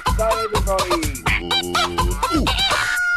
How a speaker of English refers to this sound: It's the birds. Oh, the birds. The birds.